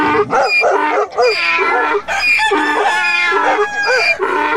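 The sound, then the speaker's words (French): A loud cacophony of animal cries overlapping without pause: a donkey braying, a dog barking, a cat meowing and a rooster crowing all at once for several seconds. “L'âne braillant, le chien aboyant, le chat miaulant et le coq chantant.”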